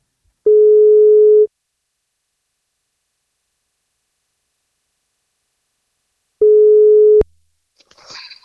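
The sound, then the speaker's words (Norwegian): Two long, steady ringback tones on an outgoing phone call from the NFM radio breakfast show to a boy turning 11 tomorrow, about a second each with a pause of several seconds between, followed by a faint rustle as the line is picked up. “Han fyller 11 år I morgen, og dersom han tar telefonen og vi ringer nå, så blir det kakebånd.”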